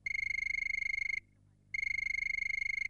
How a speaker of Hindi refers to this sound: तो मुझे सुनाई दे रही है फ़ोन की घंटी और देखते हैं कि कौन है हमारी पहली कॉलर।